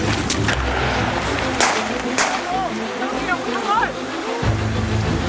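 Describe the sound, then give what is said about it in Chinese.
Steady rain falls in a continuous, even hiss throughout, as an alert military squad searches terrain crossed by river valleys, with a low rumble underneath and a few brief, high chirping whistles partway through. “警戒拉高，小队搜索行迹，雨声和呼吸声之间没有多余的话。”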